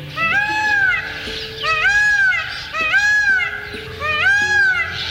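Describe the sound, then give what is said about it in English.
A male peacock gives four loud, wailing calls in steady succession, each a rising-then-falling cry about a second apart, ringing out clearly with no voices present, at the edge of a dry forest in northern India. “You've probably heard the call of a male peacock in a park or zoo.”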